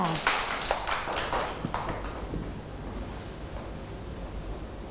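A group of children clap their hands in a quick, uneven burst that fades after a couple of seconds into a noisy room with faint voices.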